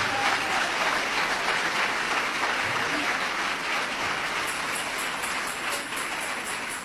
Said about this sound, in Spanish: Dele ese aplauso de alabanza y de victoria al Señor.